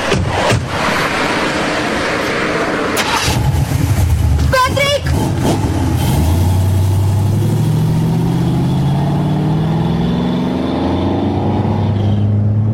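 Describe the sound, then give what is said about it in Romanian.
A red convertible's engine turns over and catches, then revs loudly and climbs steadily in pitch as the car accelerates and drives off. “O, decapotabilă roșie.”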